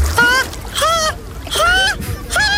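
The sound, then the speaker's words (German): Someone wading hesitantly into cold water at an outdoor public swimming pool on a day well over 30 degrees, letting out a series of high, drawn-out gasps and squeals over soft sloshing and splashing. “Wenn sie dann aber da sind, hört ihr sie umso mehr beim Versuch ins Wasser zu gehen.”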